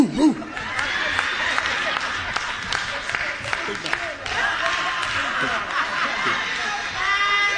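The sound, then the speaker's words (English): A man's voice imitates a big dog, giving a few deep, whooping bark-like calls over a noisy crowd that laughs and claps throughout. “Don't that sound like a big dog?”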